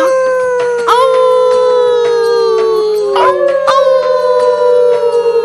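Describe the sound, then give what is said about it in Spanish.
Several voices imitate a wolf howl together, long sustained wavering tones rising and sliding down, loud, overlapping throughout with a brief break before a second swell, as a group shows Sabu how to howl like a wolf. “Tendrás que aprender a aullar.”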